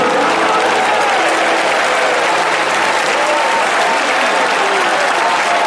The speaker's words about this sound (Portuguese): Eu vou pedir para melhorar esses aplausos. Eu vou pedir palmas misturado com glória a Deus. Tem gente pentecostal aqui? Aleluia. Mais forte as palmas para o Rei.